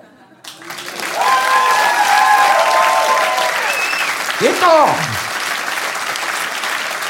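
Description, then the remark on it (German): Loud, sustained audience applause for a performer on stage as he closes his diary, swelling up after a brief quiet start and going on steadily, with a few whistles and a short cheer from a voice rising out of the clapping. “Und sobald ich mein Tagebuch schließe, einen Hammerapplaus bekomme.”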